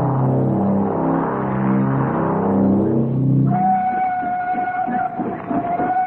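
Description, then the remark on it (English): A steam locomotive rolls in slowly, its deep rumbling chug building before a long, steady whistle sounds over the rhythmic puffing; loud, with no voices. “As prearranged, the engine came into view moving slowly.”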